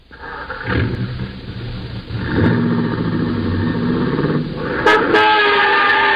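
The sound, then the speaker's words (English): A car engine revs and accelerates away in an echoing garage, the motor rising in pitch, with a sharp honk or tire squeal near the end. No one speaks. “You almost cooked my fender there.”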